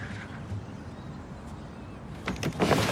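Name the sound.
window being lifted open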